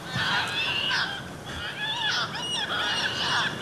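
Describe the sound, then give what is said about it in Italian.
Harsh, nasal calls of Audouin's gulls, a species that nests only in the Mediterranean, overlap in a steady, busy chorus, several birds calling with no pauses and no talking. “In entrambi i luoghi, tra le specie osservate, una in particolare, il gabbiano corso, che nidifica solo nel Mediterraneo.”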